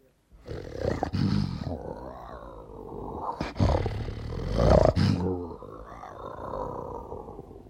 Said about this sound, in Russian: Итак, лев, пожалуйста.